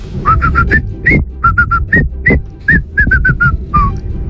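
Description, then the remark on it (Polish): A person whistles the bouncy, rhythmic Mexican folk tune La Cucaracha in short repeated phrases, clear and close, over a low background rumble, with no one talking; a voice message sent to radio station RMF Max for a morning contest. “La Cucaracha i najbardziej muzykalne gwizdki dzisiaj na Messengerze RMF Max z głosówkami”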